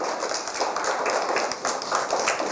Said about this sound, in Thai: เก่งมากปรบมือดังๆให้เพื่อนด้วย